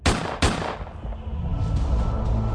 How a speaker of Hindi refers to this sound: मौका भांपते ही ढींगरा ने अपने कोट की जेब से कोल्ट रिवॉल्वर निकाली और बिल्कुल करीब से पॉइंट ब्लैंक रेंज से दो गोलियां दाग दी।